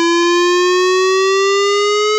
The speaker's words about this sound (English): sirens in the Red Lynch Valley, Brinsmead and Freshwater areas will take place on Thursday, 3rd of September 2026 between 10 a.m. to 12 noon. If you'll be in these areas during this time, please be prepared as you'll hear a siren sounding like this.